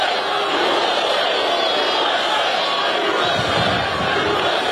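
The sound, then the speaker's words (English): A large crowd at an event for the president's 80th birthday on the White House grounds chants loudly and steadily outdoors, many voices merging into a dense, continuous roar with rhythmic swells, filling the whole scene. “The crowd chanting.”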